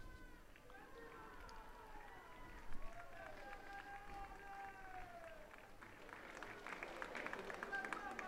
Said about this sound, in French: Alors, c'est la fin donc de cette prière de l'Angelus que le pape vient de dire ici devant plusieurs fidèles réunis à la place de la Liberté. Les fidèles qui applaudissent le pape qui va très certainement descendre pour les saluer.